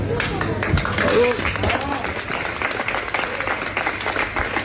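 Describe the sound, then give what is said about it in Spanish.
Steady applause from customers and workers clapping together in a hypermarket at its final closing, sustained throughout with a few voices mixed in beneath a low background hum. “Y lo que se escucha son incluso aplausos de clientes y algunos trabajadores que están ahí.”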